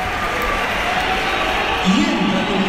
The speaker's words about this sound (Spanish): Pitada. Así me gusta, macho. Uf. Ese es mi Bernabéu. Una buena pitada a Mbappé.